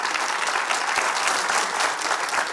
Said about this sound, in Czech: Takhle vám tleská Kaplice.